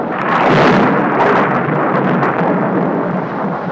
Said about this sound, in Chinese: 有一天下午，这里突然下起了暴雨加冰雹，此时在树下玩耍的孩子们急忙躲入树洞里。